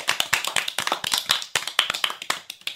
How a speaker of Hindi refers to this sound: बहुत बढ़िया, जोरदार तालियां।